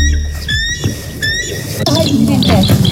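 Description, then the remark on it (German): A bald eagle's call: a run of thin, high-pitched piping chirps in quick bursts, clear, followed by more squeaky twittering over a low, rumbling background. “So zum Beispiel klingt der Weißkopfseeadler.”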